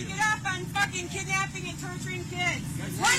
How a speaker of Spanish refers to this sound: Van tres camiones grandes, una van, un auto, hasta allí.